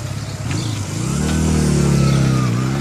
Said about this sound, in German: Er hat gemerkt, dass wir ihn gesehen haben. Haut ab. Wollen wir hinterher? Ah, zu spät. Er ist schon auf seinem Motorrad.